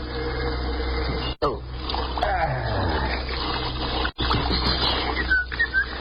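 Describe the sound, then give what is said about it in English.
Steady, dense rush of running water from a shower spraying continuously as a man who has stripped off his uniform stands in it, loud, with two brief cut-outs where the hiss drops away for an instant before resuming. “In a state of confusion, with an emotional distress quotient of at least 0.742, he stripped off his uniform and entered the shower.”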